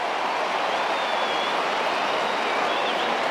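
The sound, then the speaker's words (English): A big stadium crowd roars as Jack Hutchinson kicks his second goal, a steady, dense wall of cheering that holds at full volume without letting up, with no individual voices standing out. “You'll tell by the reaction of the crowd, he's got his second.”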